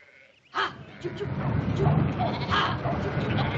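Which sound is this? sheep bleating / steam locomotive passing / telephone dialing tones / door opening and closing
sheep bleating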